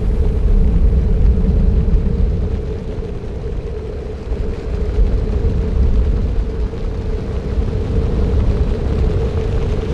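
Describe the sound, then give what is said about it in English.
A massive flock of passenger pigeons flying over a city beats its wings in a deep, thunderous roar, a dense rumbling rush that stays loud and steady from start to finish, with no voices. “The thunder of wings made shouting necessary for human communication.”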